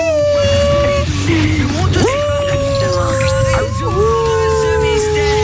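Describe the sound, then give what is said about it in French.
Someone imitates their 5-kilo miniature pinscher dog howling: long, drawn-out vocal tones that swoop upward in pitch and hold, wavering slightly, over a steady low background hum. “C'est pas un loup, Scooby-Doo. Scooby-Doo, il fait des bruits comme ça.”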